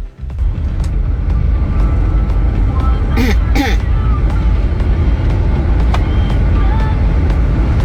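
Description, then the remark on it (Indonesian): Steady, loud road traffic rumble with engines idling and passing by buses parked outside Arjosari bus terminal, in front of the Indomaret on Raden Intan, with a couple of brief hissing bursts like air brakes midway and faint background voices. “ketika melintas di lokasi masih tetap saja ini di terminal Arjosari, kendaraan berupa bus ya yang parkir di area luar.”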